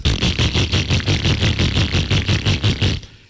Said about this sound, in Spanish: Usted tiene una moto como esta, que suena así.